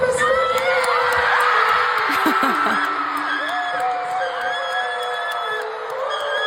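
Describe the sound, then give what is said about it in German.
A crowd of 75,000 fans at a South Korean band's stadium concert in Munich screams and cheers continuously, a dense wall of high-pitched shrieks and whoops holding steady and loud throughout, with individual voices rising above the roar now and then. “Dieses Geschrei, Leute.”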